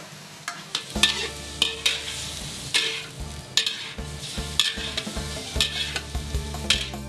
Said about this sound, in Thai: จัดการหั่นมันหมูให้กลายเป็นชิ้นๆจากนั้นจึงตั้งกระทะใส่น้ำเล็กน้อยก่อนจะนำมันหมูลงไปเจียว